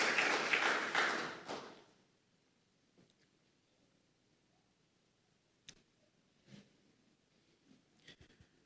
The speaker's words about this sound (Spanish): Pero dale un fuerte aplauso al Espíritu Santo. ¡Aleluya! Gloria al nombre de Jesús.